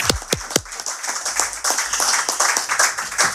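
A few sharp, distinct claps quickly swell into steady audience applause for the speaker's father after a poem recital, dense, continuing evenly to the end with no talking over it.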